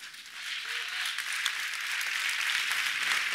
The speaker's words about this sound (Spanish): Honre a Dios si quiere honrarlo. Si esto para usted es un aplauso religioso, permítame decirle que no es grato a Dios. Si usted quiere honrar a Dios, debe hacerlo. No porque alguien se levanta aplaudiendo, usted sigue el aplauso.